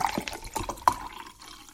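Water splashes and gurgles into a drinking glass in a short pour, with bright sloshing bursts that rise in pitch slightly before trailing off. No one speaks.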